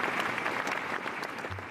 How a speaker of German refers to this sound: Zuerst aber nimmt er den Applaus der Anwesenden als Vorschusslorbeeren entgegen.